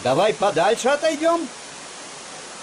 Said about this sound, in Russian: Это шумит водопад Кивач.